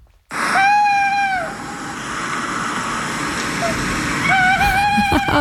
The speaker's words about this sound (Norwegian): Ja, og den lyden jo litt sånn magisk, hvertfall når det mørkt og kanskje litt sånn dis på kvelden. Det var litt sånn kattuglelyd, var det ikke det?